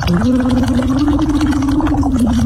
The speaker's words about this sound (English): So what you do is every hour we have to, I want you to sort of blow into the straw, but vocalize and make some bubbles, but also vocalize. So you do happy birthday.